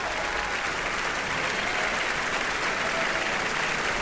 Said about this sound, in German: Verbeugt sich mit seinem Team. Ist doch ein schöner, heftiger Beifall für ihn, soweit ich das hier hören kann.